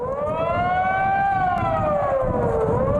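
A wailing air-raid siren sounds the alarm-start signal, a continuous modulated tone lasting three minutes, rising and falling in a slow continuous sweep, loud and steady over a low rumbling background.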